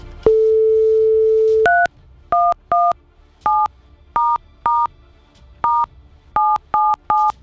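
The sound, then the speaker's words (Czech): A steady telephone tone is followed by a quick series of about eleven short, clear touch-tone dialing beeps with brief gaps between them and no one speaking, as a phone is redialed after the line got blocked. “Takhle ne, musím domluvit teď s tím telefonem nejdříve. Teď se nám celý zablokoval.”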